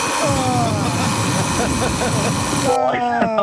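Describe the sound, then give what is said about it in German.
An alarm clock ringing loudly and continuously, a harsh buzzing roar laced with warbling electronic tones that shifts to a sharper, steadier tone for the final moments. “Ja, aber so klingt doch dein Wecker, oder nicht?”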